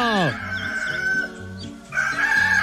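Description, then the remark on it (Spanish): A rooster crows loudly at 6:13 in the morning on Radio 1, a long strained cock-a-doodle-doo with a harsh, wavering pitch, followed by a second rising crow near the end. “¡A levantarse, que ya cantó el gallo!”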